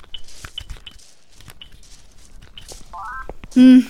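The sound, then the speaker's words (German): Soft taps on a smartphone screen with a few quiet clicks as a flashlight app is opened in the dark under moonlit trees, then a short rising series of electronic beeps and a sudden loud, buzzy tone at the end. “Moment, ich habe doch irgendwann mal so eine Licht-App aufs Smartphone geladen.”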